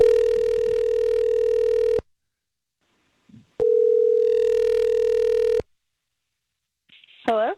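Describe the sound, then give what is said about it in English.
An outgoing phone call placed from a radio morning show rings twice, each long steady electronic ring tone lasting about two seconds with a pause between, followed by a brief voice picking up at the end. “Go ahead and mute your phone. Let's give her a shout.”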